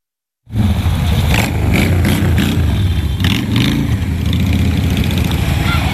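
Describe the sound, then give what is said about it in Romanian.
Several high-horsepower motorcycle engines idle with a loud, steady rumble at a charity festival held by a motorcycle club in Băiuț, Maramureș County, Romania, shown to children. Their low throbbing pulses continue for several seconds after a sudden start, with occasional slight revs rising above the drone. “Durii pe două roți le-au făcut copiilor desene pe față, s-au jucat cu ei și le-au arătat motocicletele cu mulți cai putere.”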